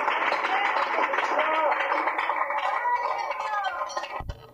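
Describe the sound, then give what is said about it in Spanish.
A church audience applauds God steadily for about four seconds, a dense wash of clapping mixed with excited voices and shouts, easing off just before a brief low thump at the end. “Otro aplauso a nuestro Rey, hermanos.”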